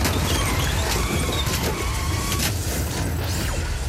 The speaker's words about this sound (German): Es war ein lauer Oktobertag. Plötzlich passierte auf der Kreuzung ein Autounfall.